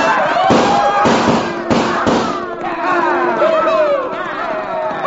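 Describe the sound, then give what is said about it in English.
A loud, rapid volley from six guns, several sharp cracks piling into a rolling roar, followed by men whooping and yelling over a rumbling background as cattle herds are started toward a barricade at a dead run. “And then with one wild whoop and the echo and roar of 6 guns, we started those cattle toward the barricade at a dead run.”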